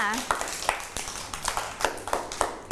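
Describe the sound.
A group of children clap their hands in a quick, slightly uneven patter of sharp claps lasting a few seconds, close by and moderately loud, with a brief voice at the start.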